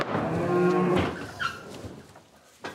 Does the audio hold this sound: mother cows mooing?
yes